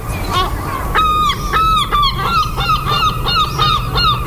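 Seagulls call over and over in a rapid, overlapping series of loud, nasal cries from several birds at the seaside, with a steady low rumble of surf or wind beneath.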